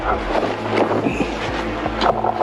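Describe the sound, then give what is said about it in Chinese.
A steady droning motor hum of a reconnaissance drone circling above woodland hangs overhead, faint to moderate and partly buried in gusty wind noise, its pitch and loudness wavering slightly as if drifting nearer and farther. “就是你在这里可以听到无人机在上空盘旋，它那个马达声忽远忽近的时候就会有一种这个抑制不住的这个紧张。”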